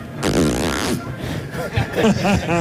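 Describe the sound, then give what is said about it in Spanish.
A voice imitates birdsong, presented as a pet bird called Pavarotti, with a loud, raspy buzzing trill that sounds like a zipper being pulled, followed by a few quick rising and falling chirps. “Pero ahora parece una cremallera.”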